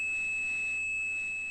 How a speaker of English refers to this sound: And those systems used tones to tell one another what to do. And one of those tones, 2600 hertz, meant the call had ended.